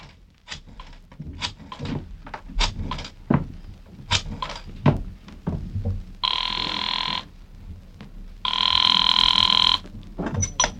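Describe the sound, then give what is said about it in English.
A string of sharp knocks and clatters, then a telephone bell rings twice, two loud, bright, sustained jangles separated by a short pause. “And as I got to the phone, I knew that whatever else he was, the old sea dog was no liar.”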